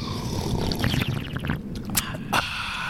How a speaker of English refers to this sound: Yeah, let's all take a sip of coffee together. Let's do it. Count of three, San Francisco.